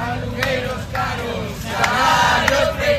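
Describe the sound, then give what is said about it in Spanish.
Hundreds of protesters demonstrating at midday in the streets of Santiago, demanding urgent action on housing, chant a slogan in unison. Many voices shout in a steady rhythmic cadence, loud and continuous, with brief sharp accents between phrases. “Santiago necesita una intervención urgente en vivienda, es lo que reclaman los cientos de personas que se han manifestado este mediodía en las calles de la ciudad.”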